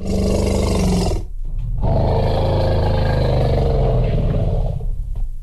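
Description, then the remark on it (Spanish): An original recording of an elephant: a loud, harsh, brassy trumpeting roar that breaks off briefly, then resumes with a long rumbling bellow, no voices present. “A ver, ponme por favor al elefante original, mi querido Elías.”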